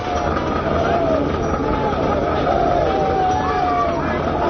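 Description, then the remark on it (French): A dense, steady mass of many troops' voices shouting and calling out together as they prepare to charge to the assault, with rising yelled tones cutting through a continuous rumbling din. “Les cris que vous entendez sont ceux des troupes qui se préparent à s'élancer à l'assaut.”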